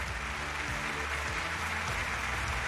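A studio audience on the health show Yangshengtang claps steadily throughout to welcome a guest doctor from the sub-health department of Dongfang Hospital, Beijing University of Chinese Medicine. It is a dense, even wash of applause at constant loudness, with faint low music playing underneath and no one speaking.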